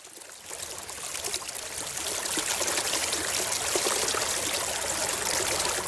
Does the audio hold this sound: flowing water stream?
yes